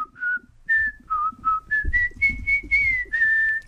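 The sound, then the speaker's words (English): Someone whistles a short tune, about ten clear notes stepping up and down in pitch, with faint low background noise underneath and no talking. “Do you want me to whistle it? Yeah, you can whistle it.”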